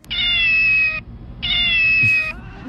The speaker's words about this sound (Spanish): Sí, mira, escucha a este gato.